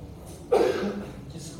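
A single sharp cough bursts out, loud and abrupt, then trails off into a brief rasp before quiet returns.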